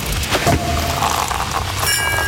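A sparkling wine cork pops with a sharp burst near the start, followed by steady fizzing hiss and a brief bright ringing toward the end. No voices.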